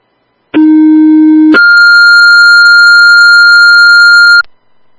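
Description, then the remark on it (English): A two-tone dispatch pager alert, retoned to call an EMT for a Weston's Mills ambulance call: a lower steady tone for about a second, then a higher sustained tone holding for roughly three seconds before cutting off. Loud, pure and electronic, with no voices. “When you get a second, can you retone for an EMT, please?”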